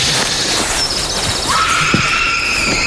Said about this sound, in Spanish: ¿Habéis oído eso? Sí, parecía un grito, ¿no? O algo así. La verdad es que bastante inquietante.